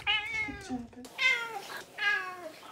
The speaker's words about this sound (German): Das Einzige, was ein bisschen schwierig ist, ist halt dadurch, dass sie daran gewöhnt ist, zu miauen und Futter zu bekommen, miaut sie halt wirklich sehr viel.